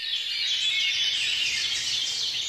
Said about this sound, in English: One study has shown that people reported relief from feelings of worry and paranoia after hearing just a few minutes of birdsong.